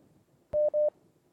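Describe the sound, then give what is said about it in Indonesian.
A sharp click followed by two short, steady electronic beeps in quick succession, like a telephone line connecting as a call is picked up, over faint background hum. “Baik, untuk yang pertama sudah kembali ada telepon yang masuk, kita coba angkat kembali, silakan.”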